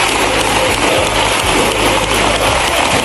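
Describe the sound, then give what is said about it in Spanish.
A long, steady ovation of a minute and a half in a parliament from the Socialist benches, joined by Podemos deputies: dense, loud applause from many hands, a continuous crackling roar with no pauses and no voices standing out. “Una ovación de minuto y medio en la bancada socialista.”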